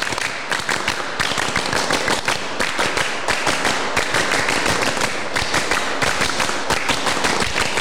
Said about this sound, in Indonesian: Untuk lebih semangat lagi, 3 kali tepuk pramuka.